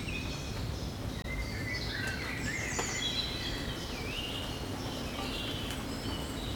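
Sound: birds chirping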